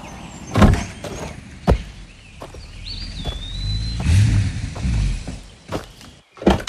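A vehicle rolls slowly forward with a low engine rumble, punctuated by several sharp clunks and thuds like car doors opening and shutting, plus a brief squeak in the background.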